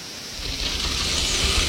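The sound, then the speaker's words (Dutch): A continuous rough scraping and grinding, probably deinotheriums, very large elephant-like animals, dragging their lower-jaw tusks through the soil, holding a steady, hissy texture at moderate loudness with a low rumble underneath and no voices. “Dat zijn hele grote olifantachtigen. En die schrapen met hun onderkaaks slagtanden door de bodem.”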